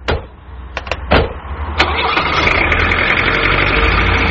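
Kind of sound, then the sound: vehicle, car engine idling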